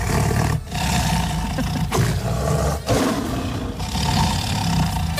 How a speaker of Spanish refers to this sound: Bueno, el sonido es el de un tigre.